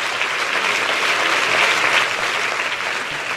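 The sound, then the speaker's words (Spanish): Steady audience applause, a dense wash of many hands clapping at an even, sustained loudness for a few seconds with no voices standing out. “Sí, ese es el aplauso para tu papá.”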